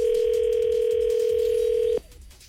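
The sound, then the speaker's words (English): A telephone dial tone as the Morning Kickstart radio show calls a prize winner in Ames: a steady tone hums at one unchanging mid pitch for about two seconds, then cuts off abruptly, leaving only a faint low background noise. No one speaks. “Anyway, it's time to give a call to our winner of the Coop Chicken Fingers in Ames.”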